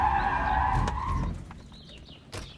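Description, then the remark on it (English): A deputy's police car skids to a stop as it pulls up behind another car at a home, its tires squealing loudly and steadily for about a second before cutting off, followed by quieter engine rumble and a few faint high chirps. “When I pulled up at home, he pulled up behind me.”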